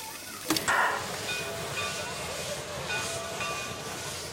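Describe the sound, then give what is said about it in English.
A restored steam locomotive, engine number 4, of black steel and brass, idles at a station with a steady, broad hiss of held steam pressure, broken early by a sharp clank and a brief burst of brighter venting before settling back into the constant rush. “This is a chaise locomotive, restored and well-maintained, gleaming black steel and brass, the steam pressure holding steady, waiting to turn the pistons.”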